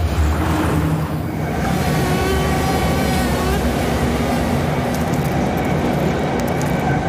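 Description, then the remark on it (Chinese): A subway train carriage rides along with a steady, loud rumble and a droning hum, interior wheel and motor noise continuing without a break and no voices. “而地铁车厢正是蚊子寻找吸血目标的绝佳环境。”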